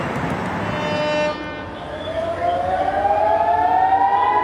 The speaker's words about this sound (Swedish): Iranska raketer mot Israel som lyser upp natthimlen och enligt iransk stats-tv jubel från åskådare på marken som följs av flyglarm i Haifa i norra Israel.